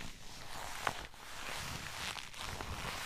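A leather jacket, worn for the first time and not yet broken in, creaks and rustles steadily as someone moves, with a brief sharper crackle early on and a dense, scratchy texture throughout. No one speaks.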